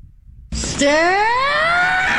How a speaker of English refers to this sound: I like that scream, though. I think I might try to do that in the streets and see how people respond.